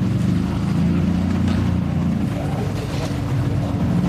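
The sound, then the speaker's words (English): A golf buggy's small engine revs up on a golf course, droning loudly and steadily, a continuous low mechanical hum that holds for the whole few seconds without stopping. “Hold still behind, guys. Buggy's revving up.”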